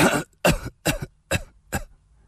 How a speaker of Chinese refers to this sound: 他一开口说话，就不停地咳嗽起来。